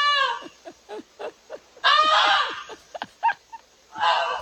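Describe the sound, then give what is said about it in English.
A goose honks repeatedly in harsh, nasal bursts: a string of short clipped honks, then a long loud blaring call, a few more short ones, and a final loud honk. “I just really want to hear the goose again.”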